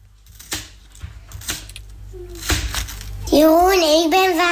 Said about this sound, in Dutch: ik ben watermeloen aan het snijden. Hey, lekker. En ook duidelijk te horen.